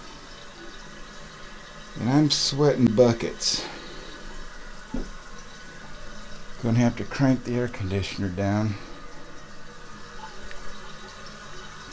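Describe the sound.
A toilet tank refills with a steady, low rushing hiss of water that runs the whole time, while a person speaks over it in two short stretches.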